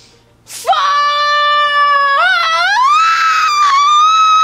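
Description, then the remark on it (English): A person lets out one long, loud scream, held for about four seconds. The pitch wavers and climbs partway through, and the voice is alone, imitating the scream let out during a bungee jump. “I have run off a cliff with a parachute behind me, and I have bungee jumped. What did you scream?”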